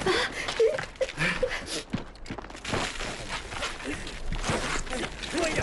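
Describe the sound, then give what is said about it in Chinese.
Muffled, irregular footsteps shuffle and thud overhead, above a cellar whose door is blocked by sand after a sandstorm, mixed with scraping and rustling noises; a faint voice murmurs now and then. “哎，咱们头顶有脚步声。”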